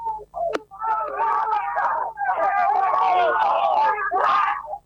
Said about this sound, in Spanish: El griterío, la alegría enorme para Bernasconi, ganador por primera vez en el TC Pista.